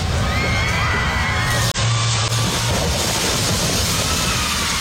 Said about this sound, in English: Protesters screamed as workers ripped the towering cottonwood out of the ground.